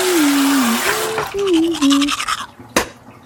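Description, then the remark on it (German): Teeth being brushed beside a running tap, with a steady hiss of water and scratchy scrubbing strokes, a sliding whistle-like tone early on, then a brief sharp clack near the end. “Ups, jetzt ist der Wasserhahn aufgeputzt. Mit meiner Zahnpasta.”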